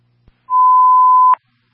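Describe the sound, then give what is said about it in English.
A radio dispatch signal tone, Signal 15, transmitted for a fire alarm at The Colony Center, 1417 Central Ave: a single steady, mid-pitched electronic beep holding for nearly a second, ending in a sharp click, with a faint low hum and a brief click just before it. “Signal 15 being transmitted for the fire alarm.”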